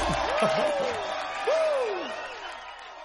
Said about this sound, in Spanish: Gracias por los aplausos, los queremos mucho.